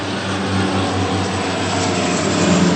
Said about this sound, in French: D'importants moyens sont déployés. 4 canadairs et un hélicoptère Chinook. Un réel avantage pour les 550 pompiers sur place.